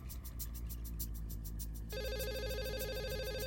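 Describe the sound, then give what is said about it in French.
A telephone in a hotel room rings, first with rapid repeated bursts, then shifting to a steady electronic warbling tone, loud with a low background hum and no talking. “Sans prendre la peine de passer un peignoir, Tony sortit de la salle de bain et traversa la chambre d'hôtel pour répondre au téléphone.”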